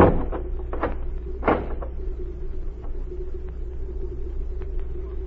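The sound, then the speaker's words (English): A heavy wooden barn door thuds and bangs shut with a couple of knocks, followed by a low, steady rumble that lingers in the background. “Then get in the barn and keep quiet. You get in there with her. Hurry, I haven't time to talk. All right. Close the door.”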